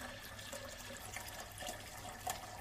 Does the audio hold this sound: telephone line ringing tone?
no